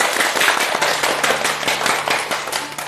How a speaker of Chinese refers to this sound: 掌声欢迎。